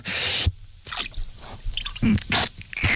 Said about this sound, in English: Now it's time to dunk our arms in the cold water. Again.